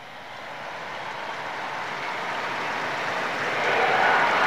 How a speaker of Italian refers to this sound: con l'applauso della folla in piazza San Pietro si è conclusa questo Regina Coeli